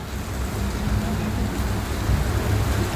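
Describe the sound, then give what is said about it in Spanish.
Heavy rain falling very hard in Hospicio pours down in a dense, unbroken hiss with a low rumble underneath, staying steady and loud for the whole stretch without letting up. “acá hay otro video, esto es lluvia en Hospicio está cayendo muy fuerte, ¿eh?”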